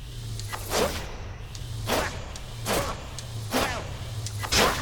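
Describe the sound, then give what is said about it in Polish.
A video game bow charges and releases in a repeating cycle: about five sharp, bright whooshing swishes at uneven intervals over a steady low hum, with no talking. “I mamy tutaj, jak ładujemy, taki jeden dźwięk.”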